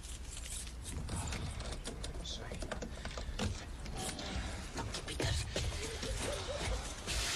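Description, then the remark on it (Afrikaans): Jangling and scraping of keys working a caravan door lock, with a steady run of small metallic clicks and rattles over several seconds. “Hou aan, ek het my sleutels hier.”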